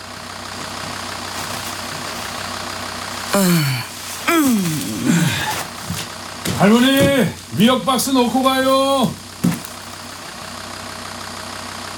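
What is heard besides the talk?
truck engine idling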